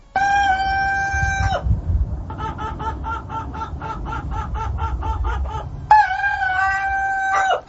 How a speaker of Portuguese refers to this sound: Então aqui o galo primo do Madruguinha tá mandando notícias.